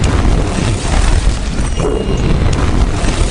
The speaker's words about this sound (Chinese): 就在这时，天上飞机隆隆的声音出现，随后就是地动山摇的爆炸。